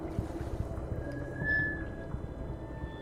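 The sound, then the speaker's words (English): Water laps steadily against the hull of a drum boat, a low rumbling wash resonating through the boat, broken by soft irregular knocks, with a faint thin whine rising briefly partway through. No voices. “I hear a constant lapping. The sound rumbles through the drum boat.”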